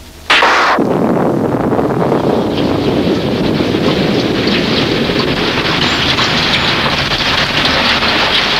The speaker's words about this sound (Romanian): Ce ploaie! Nu putem să ieșim din casă.